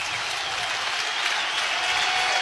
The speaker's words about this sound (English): Crowd on their feet again here at Haymarket Park.